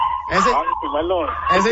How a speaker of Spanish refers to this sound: El chimuelo es el perrito. No vayan a pensar mal. Oílo, ahí está el chimuelo. Ahí está el chimuelo.